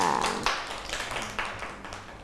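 A small group of children clap their hands in a quick, uneven patter of sharp claps for a couple of seconds, moderately loud and close, with no talking over it.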